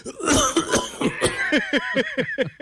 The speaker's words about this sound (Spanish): Ah, espere, yo vuelvo y toso, espere, yo vuelvo y toso.